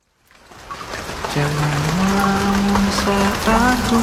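Steady rain hisses and patters throughout, rising after a quiet start, with a sustained tonal melody layered over the downpour partway through.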